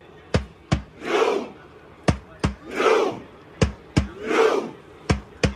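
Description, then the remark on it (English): A large crowd of thousands of Norwegian fans, some in jerseys and Viking helmets, chants the Viking row call, shouting "row" in Norwegian in unison: loud drawn-out shouts repeating in a steady rhythm, each punctuated by pairs of sharp percussive beats like stomps or claps. “A lot of Norwegians doing that Viking row.”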